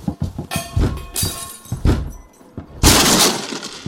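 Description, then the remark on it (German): Hannover criminal police force a door open with a series of heavy, uneven thuds and cracking blows, then a loud splintering crash that rings on briefly. No one speaks. “Sofort aufmachen oder wir brechen die Tür auf.”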